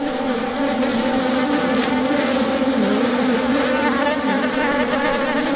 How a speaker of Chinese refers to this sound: 水豚已死去多日，湿地的高湿度加速了尸体腐烂的速度。一群苍蝇在尸体上进食产卵，之后卵会孵化为蛆虫。